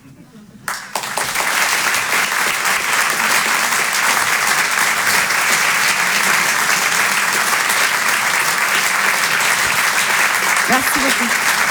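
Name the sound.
audience applause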